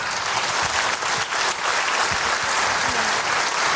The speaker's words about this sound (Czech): Musím teda říct, že jsem za prvé zvědavý, jestli přijde ve stylu 30. let, a za druhé, já to stejně nepoznám, ona se to vrací, tak určitě ji ale teď zatleskáme. Dámy a pánové, Tereza Kostková!